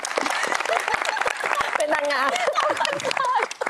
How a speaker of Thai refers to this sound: ปรบมือให้คุณแม่ด้วยครับ